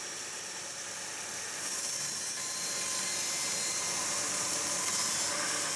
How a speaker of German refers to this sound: Tagesziel für heute: das erste Holz für die Außenverkleidung der Boote zuschneiden. Mit den Maschinen in der Werftschreinerei hat schon sein Urgroßvater Kaikis gebaut.